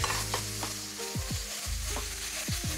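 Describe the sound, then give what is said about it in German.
Steady crackling sizzle of spices, with allspice added, being lightly toasted in a hot pan, with a few scraping stirs of a utensil breaking through the hiss. No one speaks. “dass man so Gewürze so leicht mit anröstet”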